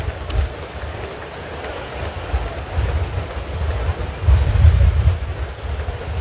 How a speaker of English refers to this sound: Winds gusting up to 31 miles per hour.